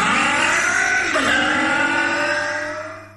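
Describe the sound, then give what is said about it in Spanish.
A loud four-stroke motorcycle engine revs hard and climbs in pitch, dips briefly as if shifting gear, then roars on before trailing off at the end. No voices. “Es protección para tu moto de cuatro tiempos.”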